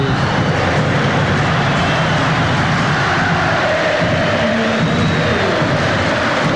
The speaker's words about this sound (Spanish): Viene Méndez y se va a ir Vidal para los aplausos. Escuchemos. Ovación para Vidal.